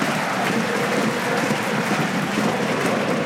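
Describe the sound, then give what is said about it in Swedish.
A large crowd of jumping, bouncing AIK football supporters claps steadily and densely throughout an Allsvenskan match against Västerås, a continuous wash of applause from many hands with no single voice standing out. “Framför dem nu hoppande, studsande, applåderande supportrarna AIK som kan njuta av att ha ett fotbollslag som inte har förlorat på ett antal veckor och som har klättrat och klättrat i den allsvenska tabellen.”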